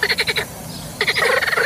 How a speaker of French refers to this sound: Alors, sachez-le, c'est le coassement des grenouilles. Eh bien, ce coassement peut être considéré comme du tapage nocturne.